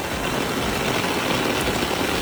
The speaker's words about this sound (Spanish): Es sonido de la tromba de agua que ha caído en el sur de la provincia, hasta 200 litros por metro cuadrado.